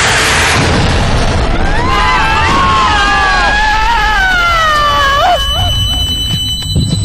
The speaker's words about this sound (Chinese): 突然间，一个炮弹朝马哥和小欧的方向打来。